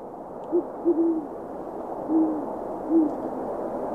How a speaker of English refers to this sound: A gentle little owl call for you, for a owl that is not particularly gentle. That is a great horned owl. Mm. They have just kind of a very calm, soft hoot.